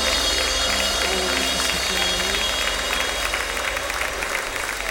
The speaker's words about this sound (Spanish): Fuerte el aplauso al Cristo maravilloso. Fuerte, que se oye. Que se oye.